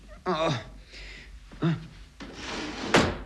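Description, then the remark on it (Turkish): A drawer in a bedroom, an underwear drawer, slides open with a short scraping rush that ends in a firm knock, after a couple of brief vocal sounds. “Bu çekmecede de ne varmış bakalım.”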